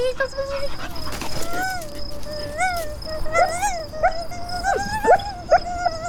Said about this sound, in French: Oui, c'est un chien. Il a beaucoup trop de poils, mais voilà une oreille qui me paraît succulente.